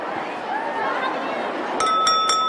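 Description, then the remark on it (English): McGonagall taps a spoon on her glass at the head table in the Great Hall: three quick, light taps ring out clearly, leaving a bright sustained tone over a low murmur of crowd chatter. “At the head table, McGonagall taps a spoon on her glass.”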